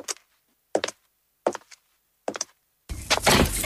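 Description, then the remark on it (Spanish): Four sharp, evenly spaced knocks on a wooden door, each a firm single rap with short silence between, followed by a sudden sustained burst of loud, rough noise at the end. “La inspiración llama a mi puerta.”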